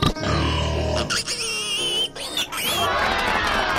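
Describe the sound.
Loud pig-like grunting from a human voice imitating a pig, rising into high, wavering squeals, then rough snorting grunts again, all in one continuous burst with no other talk.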